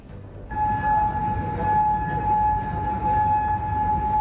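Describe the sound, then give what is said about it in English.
Air raid sirens in Kuwait wail steadily and loudly as Iranian missiles are intercepted, after a brief quiet opening, a sustained tone holding over a dense rumbling background with no voices. “Sirens ring out in Kuwait as it intercepts more Iranian missiles.”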